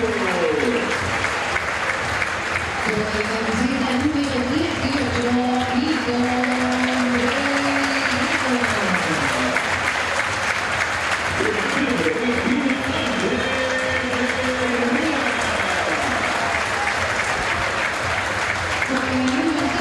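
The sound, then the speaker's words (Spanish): Loud, sustained applause from a large crowd as the team lineups are announced fills the whole stretch, steady and dense, with a voice rising over it at times. “Por escándalo el más aplaudido.”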